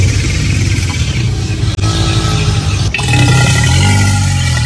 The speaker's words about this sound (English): It's an alligator.